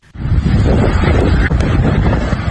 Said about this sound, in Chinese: 7月6号晚，一场雷暴大风突袭黄冈市黄州区，20分钟的狂风暴雨导致市区多处行道树连片倒伏，电线杆拦腰折断，商铺房屋损毁。